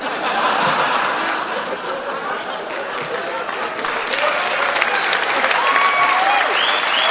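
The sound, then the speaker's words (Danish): Steady, dense applause from an audience fills the whole clip, a loud continuous patter of many hands, with a few faint whistles and murmurs mixed in toward the end. “Ja, det må vi gerne klappe af. Så det gjorde vi også.”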